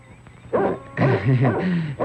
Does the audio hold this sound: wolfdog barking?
yes